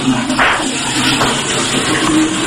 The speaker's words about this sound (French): Je m'enferme. Je tire la chasse.